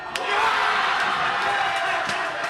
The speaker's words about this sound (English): Paraguay wins, vanquishing the legendary German squad. The crowd goes nuts, and then, wait for it, the whole place comes under a sort of sonic assault.